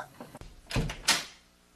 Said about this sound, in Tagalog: Sandali po, Papa. Bubuksan ko na po yung pinto. Wait lang po.